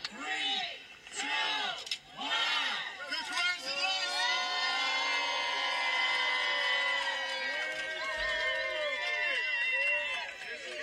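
A lively crowd claps and cheers at a ribbon cutting for the honorary Dr. Donda West Way street renaming in Chicago, with excited shouts and whoops rising over the loud applause; it builds and stays at a steady roar for several seconds.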